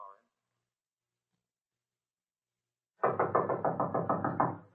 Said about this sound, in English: You'll go to the door and knock on it. When someone answers the door, we'll rush in.